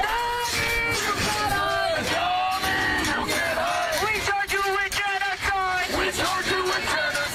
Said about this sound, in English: Our top story, New York City Mayor Zohran Mamdani got booed by pro-Palestinian protesters while attending a candlelight vigil for victims of the October 7th attacks.